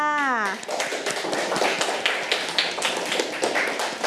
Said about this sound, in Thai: เก่งมากค่ะเอาปรบมือให้เพื่อนค่ะ